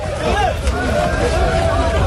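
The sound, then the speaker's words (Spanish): Loud crowd hubbub at the start of the eviction of migrants from the Benítez and El Trampolín beaches in Ceuta fills the whole clip, a dense babble of many overlapping voices with shouts rising and falling, and no single speaker standing out. “Ese sonido corresponde al comienzo del desalojo de los migrantes que estaban en las playas de Benítez y El Trampolín, en Ceuta.”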